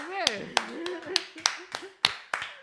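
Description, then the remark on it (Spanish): Scattered, hesitant clapping: about eight light, sharp claps in an uneven rhythm, with voices talking and murmuring underneath throughout. “Madre, qué aplausos más tímidos.”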